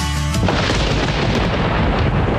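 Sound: thunder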